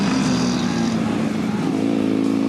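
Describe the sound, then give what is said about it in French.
A Honda VFR 1200 motorcycle engine with 186 horsepower, ridden on the Marcoussi circuit, drones loudly, holding a steady high-revving hum whose pitch edges upward toward the end, with no voices over it. “C'est sur le circuit de Marcoussi qu'on essaie la VFR 1200 de Caille.”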